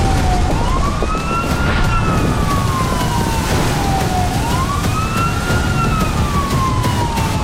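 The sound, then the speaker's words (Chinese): A fire truck siren wails loudly as the fire truck drives past, sweeping slowly up and down in pitch through about two long cycles over a steady rumble of engine and road noise, with no talking. “每当鸣着警笛的消防车驶过，就意味着又有人身处险境。”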